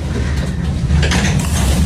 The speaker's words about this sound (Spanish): Acompáñenme. Vamos a abrir esta puerta. ¿Están preparados?